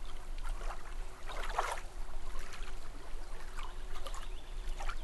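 A fountain's water jet flows in a steady wash, splashing continuously at moderate loudness with brief brighter gushes over a low rumbling hum; no one speaks.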